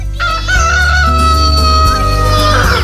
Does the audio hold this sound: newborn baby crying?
no